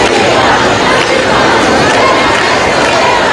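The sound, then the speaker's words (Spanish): A large crowd at the protest camp in Puerta del Sol applauds outdoors, a dense, steady wash of clapping and cheering mixed with murmuring voices, loud throughout the few seconds. “Las informaciones que se conocen con cuentagotas a lo largo de la mañana han sido acogidas con algunos aplausos en la acampada de la Puerta del Sol.”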